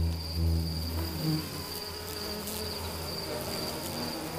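A dense, steady buzz of insects around a light outside a remote bush lodge, a constant high-pitched whine layered over lower droning hums that swell briefly near the start, continuing unbroken throughout with no voices.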